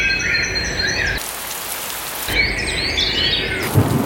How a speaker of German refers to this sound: Ja, maximal 19 Grad heute, zum Abend hin in vielen Teilen wirklich Gewitter mit dabei, immer wieder Regen.